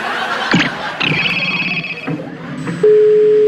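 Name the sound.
telephone line tone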